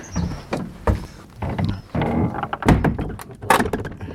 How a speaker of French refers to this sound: Là déjà, les premiers travaux, puisqu'il y a une volée de marches en bois pour descendre quoi, environ 1,50 m, une porte magnifique, en train d'ouvrir.